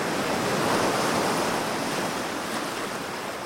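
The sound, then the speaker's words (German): Steady surf washes in on a beach with a broad, continuous hiss and rumble, fairly loud, easing slightly toward the end, with a touch of wind over it and no voices. “Und wenn da, wo ich gerade am Strand sitze, das Wasser weg ist, dann ist gerade woanders auf der Erde sehr viel Wasser.”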